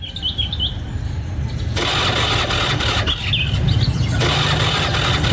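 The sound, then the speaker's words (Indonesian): An old motorcycle, unserviced for months, with dirty oil, a nearly dead spark plug and a weakening battery, turns over in repeated rough, loud bursts of cranking, with a low rumble throughout and a few high squeaky chirps between attempts, never settling into a steady idle. “Kenapa ini? Ayo nyala. Terlambat aku nanti. Duh kak, apes aku ini gara-gara motor butut.”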